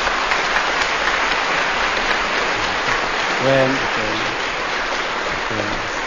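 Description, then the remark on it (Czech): Steady applause from a large crowd in Brno for actor Luděk Sobota fills the whole stretch, a dense wash of clapping, while a man's voice briefly speaks over it a few times near the end. “Potlesk pro Luďka Sobotu.”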